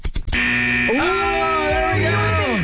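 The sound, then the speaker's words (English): A loud game show timer buzzer sounds after a brief click, holding a harsh, steady electronic tone for a little over two seconds, as time runs out to answer a trivia question. “Beat by the buzzer.”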